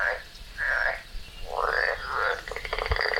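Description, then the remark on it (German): A European tree frog calls in loud, rasping bursts, a few separate croaks followed by a rapid rattling series, with no talking. “Laubfrosche können auch ihre Hautfarbe ändern.”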